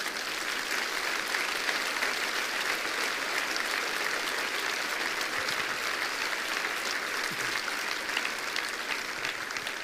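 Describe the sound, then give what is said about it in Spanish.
Sustained applause from a large audience at a church sermon, given to the Lord, a dense, steady patter of many hands clapping at even loudness for about ten seconds, with no break or voices standing out. “¿Cuánto le da un aplauso al Señor, hermanos?”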